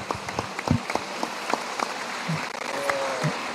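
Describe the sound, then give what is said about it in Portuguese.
An audience applauds for Jesus, a dense, steady patter of many hands clapping at moderate loudness for a few seconds, with faint voices mixed in underneath. “Palmas, Jesus.”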